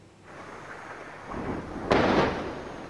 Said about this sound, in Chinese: 在黎巴嫩南部奈拜提耶，随着巨大爆炸声传出，远处升起滚滚浓烟。据黎巴嫩当局消息，以色列20日对黎南部奈拜提耶、盖纳里特等地发动空袭，造成多人伤亡。